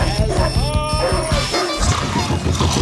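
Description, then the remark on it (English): Several dogs bark and snarl in a loud, dense burst, the barks overlapping in a rough, chaotic jumble that runs throughout, noisy with a growling edge. “your kid sleep through alarms? Thunderstorms? Barking dogs?”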